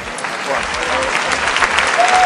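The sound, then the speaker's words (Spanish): A crowd applauds steadily as protesters, who marched from the Puerta del Sol to the Retiro district, arrive at the entrance of a home; dense clapping at a fairly loud, even level, with a faint murmur of voices underneath. “Y fue así, entre aplausos, que llegaron al portal de su casa los manifestantes que han marchado desde la Puerta del Sol hasta el Distrito del Retiro.”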